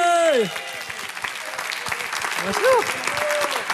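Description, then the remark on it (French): A crowd applauds a comedian taking the stage with dense, continuous clapping throughout, while a voice speaks briefly over it at the start and again partway through. “Continuez à applaudir pendant que je branche le truc.”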